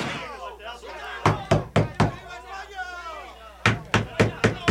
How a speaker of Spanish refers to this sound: Están disparando contra la puerta de entrada. ¡Atrás todos!